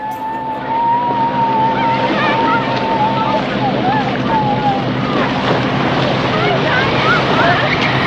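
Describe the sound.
Busy harbor ambience at a pier where fishermen get their boats ready to sail out to catch fish, with a steady engine drone, lapping water and overlapping voices and calls, all dense and continuous throughout.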